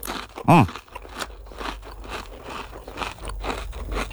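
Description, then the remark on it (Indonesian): Crunching of a crispy wheat caramel cream snack, a brief loud bite followed by several seconds of steady, crackly chewing, with no talking. “Ini kedengeran nih kriuk-kriuknya nih. Kriuk-kriuknya mantap.”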